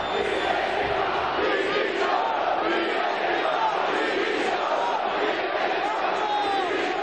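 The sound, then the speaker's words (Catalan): A large crowd of Mallorca football fans chants and shouts in protest, calling "directiva dimissió" for the club board's resignation, a dense, steady roar of many voices with rhythmic rising and falling calls, loud throughout. “I l'afició del Mallorca va acabar molt indignada ahir amb crits de directiva dimissió.”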